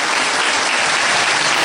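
A crowd claps steadily, a dense, loud wash of many hands that holds at an even level for the whole stretch with no voices rising above it.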